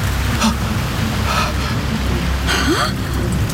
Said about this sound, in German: Brandungsgeräusche! Wellen schlagen an einen Strand.